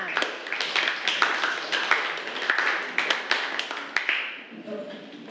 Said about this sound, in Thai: ปรบมือให้กับกลุ่มที่5ด้วยค่ะ